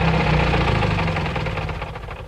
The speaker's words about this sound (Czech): Auto jede smíchovskými ulicemi, až zastaví před krámem.